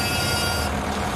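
A single steady horn honk from a 13.5-ton excavator, a flat buzzing tone held for about half a second, over a constant low rumble of heavy machinery, as the excavator, carrying a steel beam on its arm, lands on the second level of steps.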